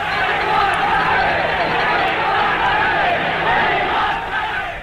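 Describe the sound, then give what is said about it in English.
A large rugby stadium crowd, refusing to leave after the game during the Springbok tour was officially cancelled, chants "We want rugby". Many voices blend into a dense, rhythmic roar that stays at full volume throughout. “Crowd refusing to go, chanting, "We want rugby."”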